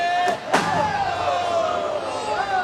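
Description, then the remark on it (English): A foul ball, swung at and fouled back on an 0-2 pitch to Cody, smacks into the press box with one sharp, loud bang, then the steady murmur of a ballpark crowd carries on underneath. “Here it is, and he'll swing and foul this back just next door to us in the press box.”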